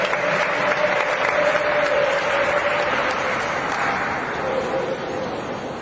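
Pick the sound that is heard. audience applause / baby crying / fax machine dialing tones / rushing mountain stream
audience applause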